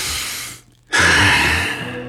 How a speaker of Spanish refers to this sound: Me encanta ese sonido de respiración en la canción justo cuando comienza lo bueno.